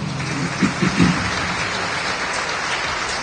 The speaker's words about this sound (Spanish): palmas al Evangelio, hermano.